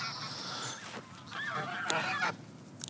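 Geese honk in a noisy, overlapping chorus, several birds calling at once with harsh nasal cries, steady throughout, with no voices present.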